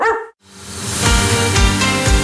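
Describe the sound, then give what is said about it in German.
A single short, sharp dog bark rings out, followed by a brief pause before loud rock music with heavy drum hits kicks in. “Die mit dem gelben Hund.”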